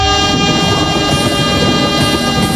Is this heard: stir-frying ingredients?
no